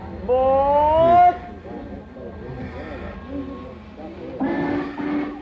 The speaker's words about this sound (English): Is that the Winnetka train? Yes, sir. Track 4. Excuse me. Pardon me, madam. My train.